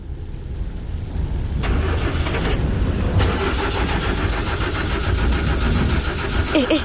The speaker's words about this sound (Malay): Kenapa pula enjin ni? Alah, janganlah buat hal kat sini. Masa-masa macam ni lah pula.